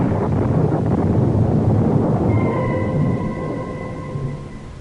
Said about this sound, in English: But again the clouds are gathering and the storm is at my heels. God curses me for that fatal load.